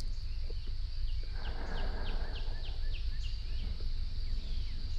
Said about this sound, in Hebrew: נשים לנו קצת ציוצים של ציפורים, ניכנס לנו לחללית, ומי יודע, אולי גם נגיע לגן עדן.